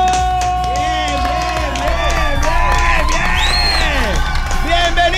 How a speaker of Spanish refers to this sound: Ahora sí, vamos a darle fuerte aplauso